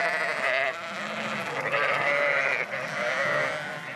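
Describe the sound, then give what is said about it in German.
A flock of sheep bleats continuously, several overlapping wavering, nasal calls rising and falling in pitch, fairly loud with no talking. The sheep are kept for coastal protection on a dike, driven there in groups of 60 to 80 animals with herding dogs. “Die Schafe sind wichtig für den Küstenschutz, halten die Grasnarbe kurz und verdichten mit ihren Huftritten den Boden.”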